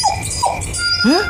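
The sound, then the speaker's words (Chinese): A puppy whimpers in three thin, high cries. The first two are short and falling, and the last is longer with a rising whine. The cries sound over a low background rumble. “我听着像小犬的声音。”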